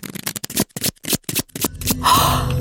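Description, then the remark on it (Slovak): A quick run of crisp, papery card flicks, followed by a steadier rustling slide as fortune-telling cards are spread out on a surface; no one speaks. “Na vyložené kartičky. Všelijaké ich tu mám.”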